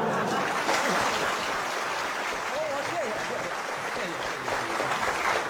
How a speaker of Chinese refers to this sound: 话说到这儿了，你要是再不唱，你是不是嫌大伙掌声不热烈 啊？ 可以，热烈鼓掌。